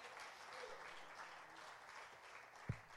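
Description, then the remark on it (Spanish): Sustained applause from a crowd, given to the Son of God during preaching: a dense, steady wash of many hands clapping at even loudness throughout, with one sharper thump near the end. “Denle ese aplauso al Hijo de Dios.”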